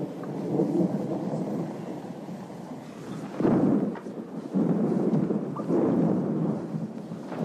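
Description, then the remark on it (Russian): Heavy rolling thunder rumbles loudly, swelling in several surges, as rain begins and a steady wash of rain fills the background throughout, heard inside a church with holes in its roof. “Сквозь дыры в крыше церкви сверкает молния. Начинается дождь.”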